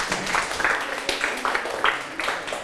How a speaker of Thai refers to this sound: ถูกต้องปรบมือให้เพื่อน